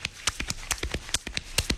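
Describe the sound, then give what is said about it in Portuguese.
Rapid rhythmic thumps imitating a horse's hoofbeats, a galloping clip-clop made by a man beating on his own chest, fairly loud with no talking. “Ele tá fazendo esse barulho batendo no próprio peito.”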